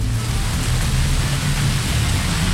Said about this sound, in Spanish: Ese es el aguacero que está cayendo en Olímpica Estéreo por Pinares de San Martín. Aguacero duro.